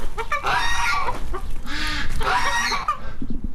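Several hens in a henhouse cluck and squawk in overlapping bursts, a busy, fairly loud chorus of harsh, nasal calls with brief rises in pitch and a constant low background rustle.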